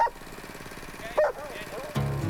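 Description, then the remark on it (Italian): A few sharp dog barks burst out in quick succession over a steady, pulsing engine rumble, lively, with a louder bark near the end. “Vedi che c'è la festa anche dei cani che sanno che si parte?”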